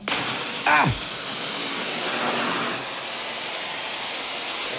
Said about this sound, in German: Dann schweißen wir mal, oder? Hätte ich gesagt. Ja, genau. Feuer frei.